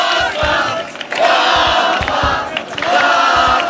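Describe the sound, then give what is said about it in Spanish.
A large crowd at a campaign event shouts and cheers loudly, welcoming the candidate José Ignacio García, with bursts of clapping and whistles rising in waves, a dense, continuous roar like a rally welcoming someone onstage. “recibían entre gritos y aplausos al candidato, a José Ignacio García.”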